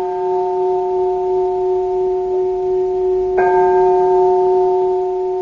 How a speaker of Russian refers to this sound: А теперь давайте снова послушаем звон колоколов.